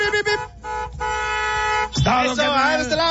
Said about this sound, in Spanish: La raza llega, acciona el claxon y le pegamos la calca de volada. Pítale, compadre, pítale, que se escuche.